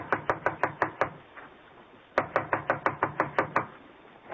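Sharp, rapid knocking on the wooden door of Connie's apartment comes in two insistent bursts of several raps each, separated by a brief pause, fairly loud with no voices.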